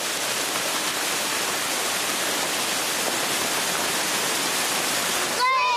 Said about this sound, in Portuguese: Cachoeira.